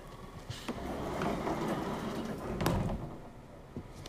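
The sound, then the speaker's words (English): A door is pulled shut over a few seconds: a rumbling slide with a soft knock early on and a sharper clunk near the end, with no one talking. “Can you close up for a moment?”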